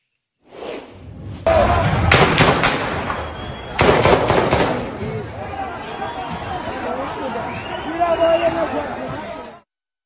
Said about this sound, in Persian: شاهدان میگن نیروهای مستقر در ساختمان کلانتری و تک تیراندازان مستقر در محل به سوی جمعیت و حتی افرادی که در حال فرار بودن تیراندازی کردند.